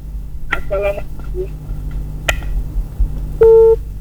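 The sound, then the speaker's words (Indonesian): Telephone line tones sound as a caller's phone-in call cuts off: a pair of short electronic beeps, a click, then one steady, louder tone near the end, over a low background hum. “Sayang sekali terputus, dicoba kembali ya di line telepon kami.”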